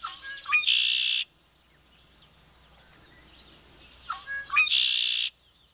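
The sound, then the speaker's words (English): A red-winged blackbird sings twice, each song opening with quick gurgling notes that run into a harsh, buzzy trill. The songs are loud, separated by a few seconds of quiet. “This, along with its gurgling, memorable song, a true sound of summer.”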